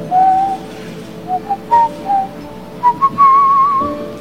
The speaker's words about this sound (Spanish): Así. Todavía silbo.